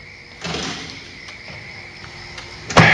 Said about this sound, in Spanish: Calla, cierra la puerta.